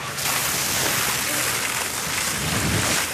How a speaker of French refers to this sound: Les pompiers arrosent le tronc avec une épaisse mousse blanche. Ça permet en fait d'étouffer le feu. On fait une couche, on supprime l'air.